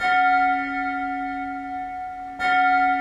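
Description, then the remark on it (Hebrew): A distant bell tolls twice, each strike ringing out clear and resonant, with a long, humming decay that carries into the next stroke. No voices are heard. “היו אלה צלילי פעמון שהגיעו מרחוק, והצליל חזר על עצמו צלול וברור.”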